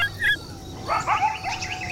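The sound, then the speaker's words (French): A chorus of coyotes lets out high, sharp yipping barks and wavering yelps, several voices overlapping in a fast, jumbled burst that starts faintly and swells. “On dirait des aboiements, mais plus aigus et perçants que ceux du chien. C'est un véritable concert, dites-donc.”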